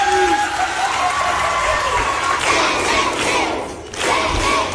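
A crowd gives introductory applause: cheering and clapping in a sustained, dense roar, with excited shouts and whoops rising above the steady applause before a brief dip and a renewed swell.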